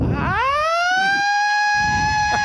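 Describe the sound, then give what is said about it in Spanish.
A loud siren winds up from a low growl into a steady, piercing wail that holds for the rest of the moment, with no voices over it. “Valórame estos fuegos artificiales y esta sirena, mira.”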